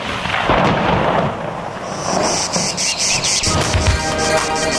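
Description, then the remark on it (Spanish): A storm sound effect: steady rain hiss with deep, rolling thunder rumbles, joined midway by a high, pulsing insect-like chirping. No voices. “No sueñe, no hay lluvia, no hay lluvia, olvídese.”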